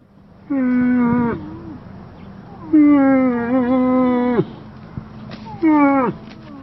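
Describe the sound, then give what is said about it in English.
Three long, drawn-out moaning calls from a female moose, each a loud harmonic bellow lasting one to two seconds, separated by short pauses, with faint background hiss and no talking. “This is the call of a female moose.”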